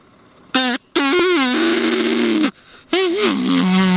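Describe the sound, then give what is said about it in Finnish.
A game call bought from a music shop, used to call ducks, gives two long, loud, nasal blasts with a buzzy, wavering pitch that dips and settles low, sounding much like a bull moose's calling grunt. “Toi kuulosti nyt kyllä niinku uros hirven kutsuhuudolta, mutta onks se valmis?”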